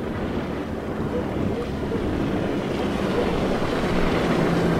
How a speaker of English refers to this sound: Wait, I hear it again. No, that's a different boat. That sounds like... No, it couldn't be.